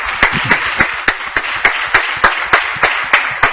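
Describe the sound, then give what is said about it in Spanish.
Applause from a small group of journalists at the end of a press conference with Antoine Griezmann, a steady rhythm of sharp, loud claps rising over a dense wash of scattered clapping. No one speaks. “Esto no es muy habitual, los compañeros de los medios aplaudiendo a Antoine Griezmann.”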